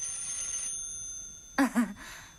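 A telephone set with a receiver on a cradle rings with a steady metallic tone that gradually fades, followed by a couple of short, louder bursts near the end.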